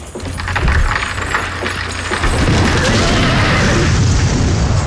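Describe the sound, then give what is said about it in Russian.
Builders knocking down a section of the old white-stone Kremlin wall in Moscow: loud, continuous crashing and deep rumbling booms as masonry collapses, growing heavier and more chaotic partway through, with no voices. “Дядя Кузя, вместо того, чтобы строить, тут стену Кремля ломают.”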